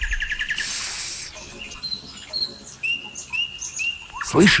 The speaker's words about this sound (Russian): Слышишь? Соловей. Вообще-то соловьи начинают петь к вечеру и поют всю ночь. Но их можно услышать и днем, после дождя, как сейчас.